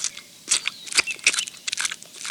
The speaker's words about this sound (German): Also Willi, seit wann isst denn eine Biene Apfelstücke?